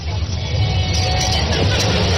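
A motorcade of 13 vans, including white vans with Cancillería (Foreign Ministry) plates, drives past, their engines making a loud, continuous low rumble with steady road noise and no break between vehicles.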